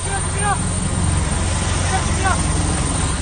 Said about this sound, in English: A military helicopter descends onto a remote hill where the pilot and his burned-out plane were found.